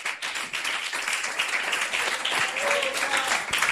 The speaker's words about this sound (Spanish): Dele un aplauso fuerte al Señor.